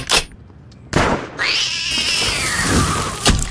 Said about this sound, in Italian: E vede quel ramo lassù? Un gattino ci si è arrampicato e non vuole scendere.